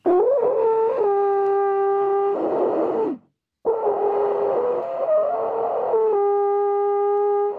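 A three-piece alphorn blown in two long, loud, droning blasts split by a short breath pause, the tone wavering and shifting pitch a little, with no talking.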